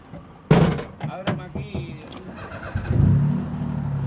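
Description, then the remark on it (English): A tour guide's car in the streets of Havana, Cuba: a door clunks, the engine cranks and catches, then idles and revs into a steady rumble as the car pulls away. “On one of my trips to Cuba earlier this year, a tour guide took me around the empty streets of Havana in his car to show the total collapse of the tourism industry amid the fuel embargo.”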